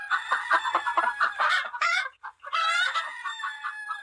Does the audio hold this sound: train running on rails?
no